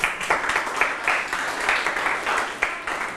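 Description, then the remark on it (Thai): A group of students in a class claps for classmates who correctly named Thai herbs, in a steady burst of applause, dense, fairly loud, and continuous for a few seconds with slight rhythmic swells, with no talking over it. “ใบตำลึงโอเคครับตอบถูกหมดเลยเก่งมากๆปรบมือเพื่อนหน่อย”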